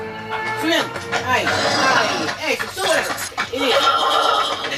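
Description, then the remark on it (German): Horses neigh and whinny repeatedly with rising and falling cries, fairly loud, layered over a busy background of shouting voices and movement, in a radio drama recording with sound effects. “Die Pferde hoch, zieh sie hoch.”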